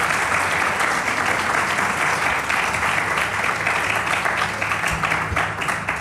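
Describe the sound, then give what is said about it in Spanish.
A crowd applauds steadily to welcome two guests, with dense overlapping hand claps forming a continuous, fairly loud wash of sound that holds even for about six seconds without any talking. “Pues un aplauso muy fuerte para las dos.”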